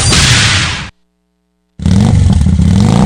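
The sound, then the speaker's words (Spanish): A motorcycle engine revs loudly, cuts out for a moment of silence, then roars back with another rough, throaty burst. “Tu moto nueva está en Electra.”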